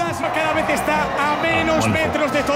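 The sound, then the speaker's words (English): A huge crowd of almost 2 million people cheers and chants together in the streets of Madrid, Spain, celebrating Spain's football World Cup win as the team parades in an open-top bus, a steady, loud roar of many overlapping voices, sustained throughout with no pauses. “huge crowds have been celebrating Spain's World Cup football win in Madrid”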